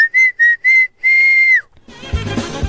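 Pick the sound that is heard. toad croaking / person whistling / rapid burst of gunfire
person whistling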